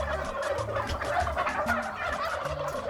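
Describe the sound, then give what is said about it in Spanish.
Turkeys gobble loudly and continuously, their rapid, burbling calls overlapping as if several birds are sounding off together, with no voices in between. The turkeys come from Cejín, Murcia, Spain, and are being fattened for Christmas on maize, wheat, grass and soaked bread. “¿cómo cantaba ese pájaro?”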